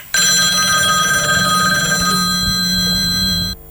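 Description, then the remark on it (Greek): A telephone rings with a steady, shrill electronic tone that holds loud and continuous for about three and a half seconds before cutting off abruptly; the call is from a plumber. “Πώς το είπε, τηλέφωνο με τον υδραυλικό.”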